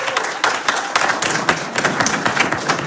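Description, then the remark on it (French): The public at the Foire Expo in Saint-Lô applauding, a dense steady patter of many hands clapping with some sharper individual claps standing out, sustained at an even, fairly loud level with no voices. “Merci au public Saint-Lô, on vous entendre quand même applaudir un petit peu histoire de vous faire entendre.”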